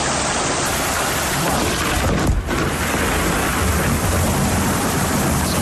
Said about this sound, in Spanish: Tormenta aislada, muy concentrada en el mismo punto. De hecho, en Antequera, por ejemplo, apenas cayeron un par de gotas.